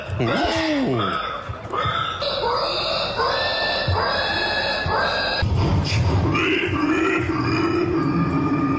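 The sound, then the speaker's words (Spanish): A person in an imitation championship mimics pig grunts and squeals with their voice, a run of nasal, harmonic snorts and squeals lasting several seconds, loud, with a noisy background. “Vamos a ver si tu imitación se asemeja a algunas de las voces que se escucharon en este campeonato.”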